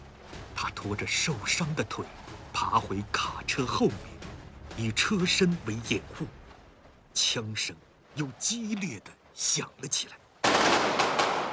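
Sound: intense gunfire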